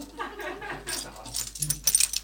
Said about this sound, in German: Wenn man einen Schlüssel hat, schon, sagt Barbara Bellini und klimpert mit ihrem Schlüsselbund.